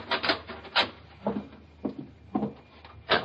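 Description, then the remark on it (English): A cellar door at the back of a house is pulled open: a series of about six scraping thumps and creaks at uneven intervals, moderately loud, with no voices. “That's the cellar door.”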